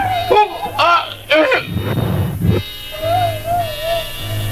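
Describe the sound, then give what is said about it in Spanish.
A wolf howls in a long, wavering tone that rises and sags slightly, following a few shorter vocal cries and a brief noisy rustle, with a low hum underneath. “Escucha ese lobo aullando.”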